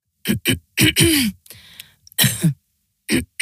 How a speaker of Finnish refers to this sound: Hei, älä suotta köhi.